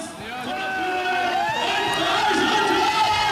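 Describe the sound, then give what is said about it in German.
A loud crowd cheers and shouts continuously, with many overlapping voices yelling in a dense, sustained roar: an audience at a live concert, in an original recording from the Eiskeller. “Ist das eine Originalaufnahme? Naja, auf jeden Fall. Das ist aus dem Eiskeller oder was?”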